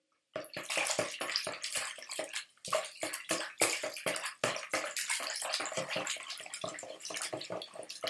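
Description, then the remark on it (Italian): Water splashes and sloshes in a quick, irregular series of bursts as someone bathes in a river, steady and fairly loud for several seconds with no voices. “Mentre egli si bagnava nel fiume”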